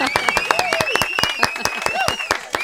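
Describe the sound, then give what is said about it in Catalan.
An audience applauds to welcome a young journalist joining the programme, an uneven burst of sharp, overlapping hand claps that keeps up steadily for a few seconds, with some high whoops or voices rising over it. “Un aplaudiment!”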